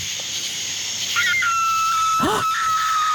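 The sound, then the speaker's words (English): A coyote or fox calls at night in the pitch-black countryside: a thin, sustained high-pitched wail with one short swooping yelp partway through, over a steady background hiss of insects. No one speaks. “That's a coyote fox.”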